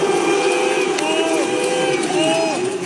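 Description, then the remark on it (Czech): A packed cinema audience at the Cannes International Film Festival booing and whistling in protest as the Canal+ company logo appears on screen, a loud continuous din of voices with sliding whistles rising and falling above it. “Takhle diváci v kinosálech pískají a mučí, jakmile se na plátnech objeví logo firmy.”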